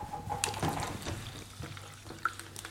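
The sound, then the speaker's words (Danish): Water pours and trickles into a glass, a steady liquid splash with small clinks and bumps, fairly quiet and heard on its own without talking. “Du har fået, men du har et glas vand”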